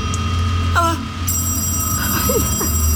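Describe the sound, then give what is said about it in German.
An old telephone bell starts ringing partway through, during a power outage, and keeps going, a bright, continuous metallic jangle over a low rumbling background, with a brief vocal sound just before it begins. “Ah, das Telefon.”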